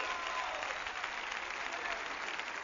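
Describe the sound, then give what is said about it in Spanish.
Steady applause from a crowd, a dense continuous wash of clapping hands at an even level throughout, with no voices standing out. “aplauso a él.”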